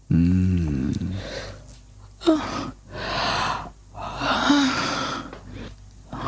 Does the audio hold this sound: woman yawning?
yes